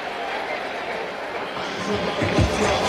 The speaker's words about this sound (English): Ozuna with a leadoff single. He had really been struggling. Fans give him a big ovation.